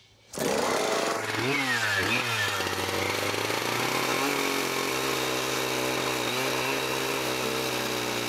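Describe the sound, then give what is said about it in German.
A chainsaw of over 10 kilograms and 8.5 horsepower, handled by a log builder cutting saddle notches into a log, roars in abruptly, revs up and down a couple of times, then settles into a loud, steady, strained whine as it cuts. “Die Säge liegt scheinbar leicht in der Hand des Holzbauers. Dabei wiegt das Werkzeug über 10 Kilogramm und hat 8,5 Pferdestärken.”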